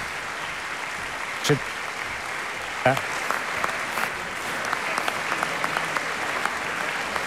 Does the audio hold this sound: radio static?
no